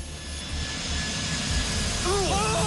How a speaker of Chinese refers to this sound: 与此同时，375航班在地面滑行了700多米，速度逐渐加快，最终达到了每小时200多千米，顺利地冲出了9号跑道的尽头。